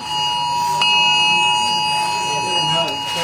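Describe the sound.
Many mobile phones in the queue for early voting at Östermalm library in Stockholm blare emergency alert tones and vibrate at once during a test, steady high-pitched shrill tones layered over a murmur of people talking in the background.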